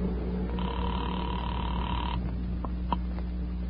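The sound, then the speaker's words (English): A telephone being dialed in a phone booth, calling the caller's own number: a steady dial tone hums for about a second and a half, then stops, followed by a few short, sharp dialing beeps over a low line hum. “I walked across the street, stepped into a phone booth, and dialed my own number.”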